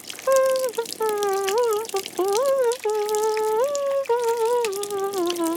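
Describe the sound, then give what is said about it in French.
A shower runs steadily in a bathroom with a constant hiss of spraying water, while a wordless, melodic humming or singing voice glides up and down loudly over it. “Il prend une douche.”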